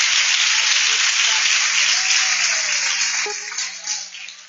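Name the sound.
audience applauding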